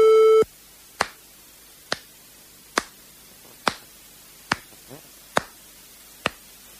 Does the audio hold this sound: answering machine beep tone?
yes